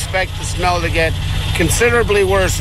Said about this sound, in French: La sauce, un mélange de poisson et de sel en décomposition depuis 2 décennies, est combinée avec de la tourbe pour qu'elle soit plus facile à manipuler et à transporter. Elle est ensuite aspirée par des camions équipés de tuyaux géants.